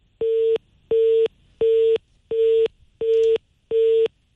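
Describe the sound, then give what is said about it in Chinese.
A telephone busy tone after a call to a manager at the furniture firm Shuangye Home was rejected: six identical loud beeps in a fast, steady on-off rhythm, each a short flat electronic tone separated by equal brief silences, with no voices. “您拨打的用户正忙，来电信息将以短信的形式通知他”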